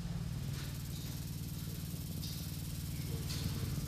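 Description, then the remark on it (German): A steady, low droning hum with a faint buzzing texture runs without pause, joined by a few soft, brief hissy rustles on top, made by continuously vibrating sculptures. “Und diese Skulpturen vibrieren fortwährend. Das müssen wir uns auch mal anhören und näher rangehen.”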